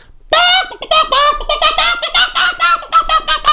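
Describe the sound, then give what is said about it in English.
A voice imitates a chicken squawking: a loud burst of rapid, high-pitched clucks and squawks in a jerky, uneven rhythm that runs for about three seconds. “But the strange thing that happened was that the chicken's neck unwrung itself.”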